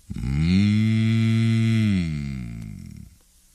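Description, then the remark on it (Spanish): A deep, drawn-out moo-like yawn made by a human voice imitating a bull, holding a steady low pitch for over a second before sagging and fading out, heard alone. “Bostezaban los toros.”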